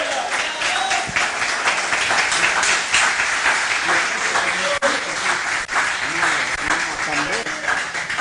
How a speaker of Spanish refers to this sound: Tome su asiento, Dios le bendiga y le damos palmas de alabanza al que vive por los siglos de los siglos.